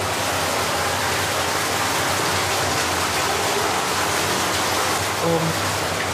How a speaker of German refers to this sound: Genau, jetzt haben wir hier hinter der Tür ist dann das Wasser, was aus Tschechien kommt. Das ist aber jetzt sehr laut.